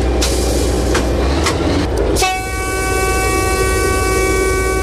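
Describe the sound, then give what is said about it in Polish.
A locomotive, its hand brake just released, rumbles loudly with a few sharp clicks and hissing bursts, then a steady high mechanical whine rises over the engine noise as it begins to move off. “Tak, odhamowujemy samą lokomotywę i ruszamy.”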